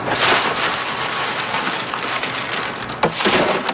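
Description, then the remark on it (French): Dry beans of the Alta de Moda variety pour and patter in a steady, dense rattle with a hiss of husks, like rain on a surface, swelling briefly louder near the end, as they are winnowed in the wind so the husks blow away and the grain falls, on Île d'Orléans at Saint-Laurent, Québec. No voices are heard. “Puis après, avec le vent, j'envoie ça ici, on appelle ça vanner. Je sais que là, avec le vent, la cosse, ça s'en va, puis le grain tombe.”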